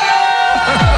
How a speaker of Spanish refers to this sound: ¿Tú crees que si yo le pido a la gente de León que pegue un grito, que lo oigan en Valencia